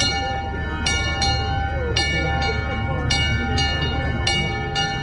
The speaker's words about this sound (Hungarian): és akkor én ezt felajánlottam, az, hogy ezt tegyük fel erre a kis székelykapura emlékműre, és ezt húzzuk meg ma is a trianoni aláírás órájában vagy momentumában, amelyre mindannyian fájdalommal emlékezünk. Most szólal meg ez a kis harang.